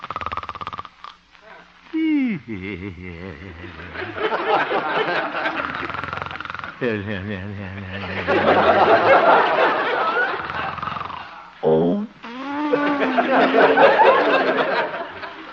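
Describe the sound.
A man snoring gently in slow, drawn-out cycles of about five seconds, each breath rising into a raspy, voiced rumble and sliding down in pitch before a brief pause; the radio character Honest Harold the Homemaker asleep in a little house on 8th Avenue.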